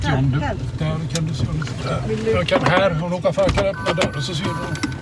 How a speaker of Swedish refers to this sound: jag skumpar fram i deras lilla eldrivna bil.